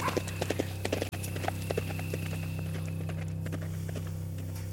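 Horse hooves clip-clop at a steady walking rhythm as riders head home, a series of sharp hollow knocks over a constant low hum, with a brief dropout near the start.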